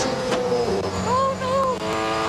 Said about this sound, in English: And pretty much what they did was they took an American, they popped him in the passenger seat of one of these Bathurst cars, and I mean, just take a listen.